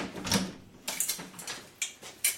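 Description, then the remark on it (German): Several soft knocks on a door, spaced unevenly over a couple of seconds, each a short dull thud with a little rattle, heard alone. “Klopf erst an, wenn du bis 5 gezählt hast.”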